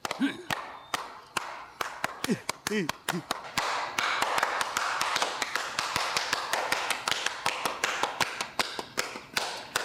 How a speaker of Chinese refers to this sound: 给你姐拍拍手。